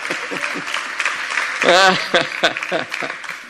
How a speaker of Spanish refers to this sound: Amén. Sí, aplauda.